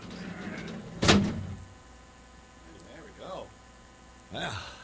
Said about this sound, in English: All right, let's get the big-ass door. Big-ass door. Big-ass door. Here. Yeah, there it is.